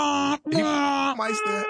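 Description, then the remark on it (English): A man, a truck driver who drives a box truck, uses his voice to imitate a truck horn in three loud, sustained, buzzy blasts, the first short and the last two longer, with a slight pitch dip between them. “He might still have a good horn.”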